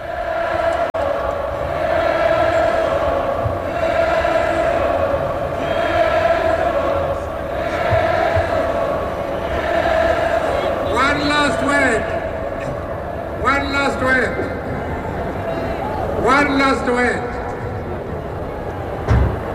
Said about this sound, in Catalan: Así que de todas formas tenemos el sonido de todo el ambiente de la juventud que está llenando el Palau Sant Jordi y que recibía con calurosos aplausos al líder del Congreso Nacional Africano, Nelson Mandela. Escuchémoslos un momento.